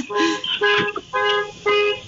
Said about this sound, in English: I do hear the beeping sound. Yes, someone's car alarm is going off somewhere. It's not me.